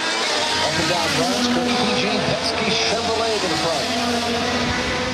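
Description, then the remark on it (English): Racing car engines roar loudly and continuously, their whining pitch rising and falling as cars speed past on a 250-mile (about 400 km) street course in Washington, D.C., past the US Congress and the Washington Monument, over a dense wash of background noise. “And that is because racing cars have been speeding around a 250-mile course, about 400 kilometres, which goes past the US Congress, the Washington Monument and other landmarks in the nation's capital.”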